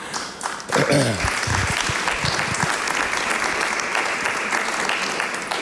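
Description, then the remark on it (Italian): Sustained applause from an audience, a dense steady patter of many hands clapping at a fairly loud level, with a brief voice or cheer rising near the start. “Sorrisi e applausi”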